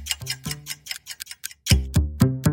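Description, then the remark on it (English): The 35-second countdown clock of the Blue Bombers pregame show ticks alone, with crisp, steady ticks; partway through, the ticks turn louder and heavier, with a booming low tone under each beat. “I'm …, and it's time for the 35-second clock.”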